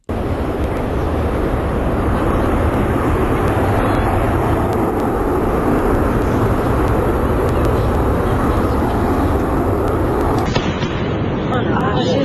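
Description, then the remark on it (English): A Concorde breaking the sound barrier: a loud, steady, rumbling roar with a few sharp cracks in it, holding for about ten seconds before it thins out near the end. “Concord breaking sound barrier somewhere.”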